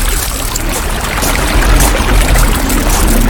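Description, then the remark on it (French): A steady, fairly loud rush of flowing river water with a low rumble and continuous bubbling texture, heard alone without pause. “Ferme les yeux et imagine-toi marcher le long d'une rivière.”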